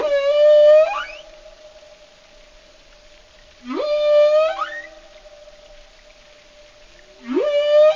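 Three bursts of rising, harmonic-rich marine mammal whistles, each starting with a swooping upward sweep then holding a steady tone, spaced a few seconds apart with quiet gaps between, no talking.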